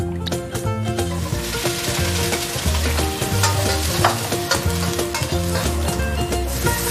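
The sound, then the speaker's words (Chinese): Oil sizzles steadily in a hot wok with cold oil added while a utensil scrapes and stirs repeatedly, with loud metallic clatters over the continuous frying hiss and no voices. “热锅冷油。”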